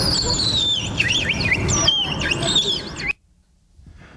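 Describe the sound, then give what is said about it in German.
A willow warbler sings a run of sweet, high whistled notes that drift gently downward, heard over a steady low rumble of background noise before the sound cuts off abruptly. “Und jetzt hören wir Vogel Nummer 3. Das ist der Fitis.”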